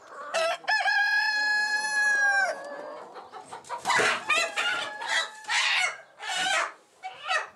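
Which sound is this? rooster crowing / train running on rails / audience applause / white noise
rooster crowing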